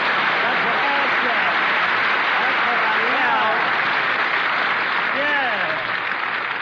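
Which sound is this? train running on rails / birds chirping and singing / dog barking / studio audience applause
studio audience applause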